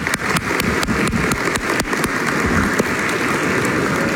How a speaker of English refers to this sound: Let's go ahead and give them and other seniors a round of applause.